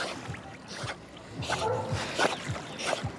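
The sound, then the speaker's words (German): A dog swimming in a lake, paddling with repeated splashes and sloshing, plus a few soft whimpers or breathy dog sounds mixed in. “dann kann man auch richtig schön mit der schwimmen, entspannt am See”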